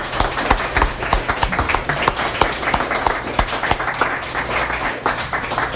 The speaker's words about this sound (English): So give yourselves and everybody else another hand. And in the distance, I'll clap a little louder